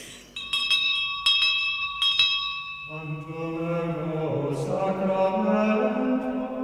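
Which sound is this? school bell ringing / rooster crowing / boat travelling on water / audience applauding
school bell ringing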